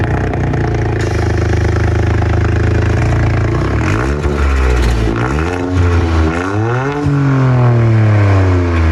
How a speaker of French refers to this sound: Bon, elle a aussi une autre particularité, c'est qu'on entend arriver cette Toyota Yaris GR4.